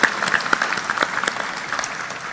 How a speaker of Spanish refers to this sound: Y estamos muy agradecidos a ustedes. Vamos a aplaudir a todo nuestro pueblo generoso.